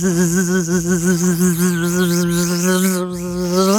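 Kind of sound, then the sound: vocal imitation, voice imitating mosquito buzzing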